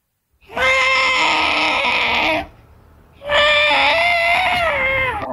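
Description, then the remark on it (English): A person's voice imitates an elephant with its foot trapped in a hole, trumpeting for help: two long, loud, strained wails with a brief pause between, each held for about two seconds with a bright, harmonic-rich pitch. “What about an elephant that gets his foot trapped in a hole and is calling out for help?”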